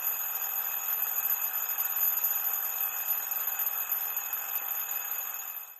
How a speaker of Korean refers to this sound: 오, 재밌는 소리. 시계 소리 째깍 째깍 따르릉.